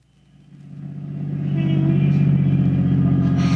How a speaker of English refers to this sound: Lucky. There's a parking space. All right, pull in. Now turn off the motor.